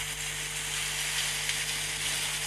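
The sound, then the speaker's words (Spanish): Steady rain falls throughout in Entre Ríos province, a dense, hissing crackle much like food sizzling in a frying pan, with a faint low hum underneath and no voices. “¿Querés escuchar cómo llueve a en ver? Entre Ríos?”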